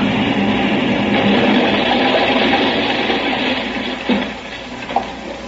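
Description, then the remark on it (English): A rocket ship roars in with a steady, dense rushing drone that gradually eases off, ending in a couple of short, sharp crashing impacts as it crashes outside a laboratory. No voices are heard. “Whoever's in that rocket ship that crashed out there is going to need help.”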